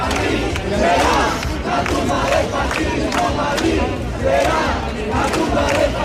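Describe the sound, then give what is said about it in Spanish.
Protesters camped at Sol chant and shout together in response to insults from far-right groups, a loud, continuous roar with rhythmic surges of massed voices rising and falling over about six seconds. “Ante estos insultos e increpaciones responden así los acampados.”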